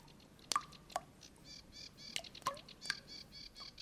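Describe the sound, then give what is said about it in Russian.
Spring meltwater drips from thawing snow in the spring sun, falling one by one at an uneven pace, about six crisp plinks with a short ringing tone, while birds twitter softly in the background. “Слышите? Капель. При нынешнем весеннем солнце этот звук уже редкий.”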